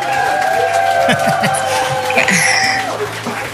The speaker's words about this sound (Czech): No a můžu ti takhle pustit aplaus i?